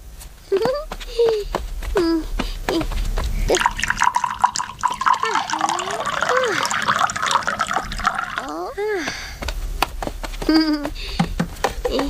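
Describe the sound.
Milk pours into a pot to be heated, with a steady, splashy rush of liquid lasting several seconds, while voices chatter and exclaim in high pitches over the pouring.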